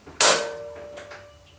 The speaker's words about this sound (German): Doch die Tür ließ sich nur schwer öffnen.